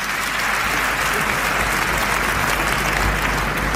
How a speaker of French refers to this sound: Grâce à vos applaudissements, je suis d'abord très flatté, etc. Bon, je ne veux pas remercier tout le monde parce que ce serait trop long, mais déjà vos applaudissements en disent long.